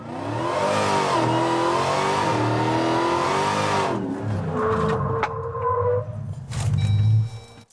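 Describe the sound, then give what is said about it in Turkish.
A car engine hums steadily and loudly, then the car brakes hard on a back road as a brake test: the drone drops away into a falling whine and rough road noise before the car comes to a stop. “Arka yollara çıkalım ve frenleri asılalım.”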